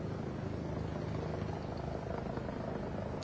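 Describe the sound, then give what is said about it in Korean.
A helicopter landing at a military base in Nepal, bringing a survivor rescued from the Upper Trishuli 3A power plant tunnel, thrums steadily, its rotor chop and engine roar filling the whole stretch with a constant, loud wash of noise and no voices. “3시간 전쯤 제가 있는 이곳 군부대로 헬기 한 대가 내렸습니다.”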